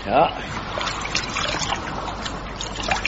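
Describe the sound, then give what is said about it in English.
Water is scooped up from a river into a forage cap, with a brief splash at the start followed by steady trickling and sloshing, while faint voices murmur in the background. “Hold on, Parky, I'll get you some water. Give us your forage cap.”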